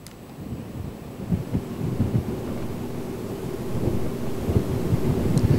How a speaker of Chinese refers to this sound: 在浙江宁波象山县，今天上午受到台风外围云系的影响，当地已经出现大风和短时的降雨。